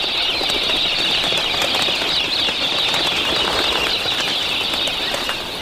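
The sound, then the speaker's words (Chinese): Galah cockatoos flap their wings in a loud, steady, dense rush, with harsh, scratchy calls blending into the constant whir. No one speaks. “粉红凤头鹦鹉常年生活在农场附近。”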